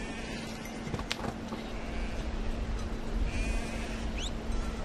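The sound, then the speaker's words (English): Goats raised by nomads bleat a few times in Tsongtholpo beyond the Himalayas, bordering Tibet, over a steady outdoor rumble and a low constant hum, the calls brief and fairly faint. “Its only regular visitors are nomads who raise goats.”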